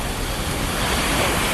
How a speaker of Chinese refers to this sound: 注意了 ，七级西北风卷起的海浪超过一米